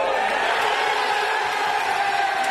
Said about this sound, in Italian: La passione dei tifosi cresce col passare dei minuti, fragorosa, per restare poi sospesa in attesa del fischio finale.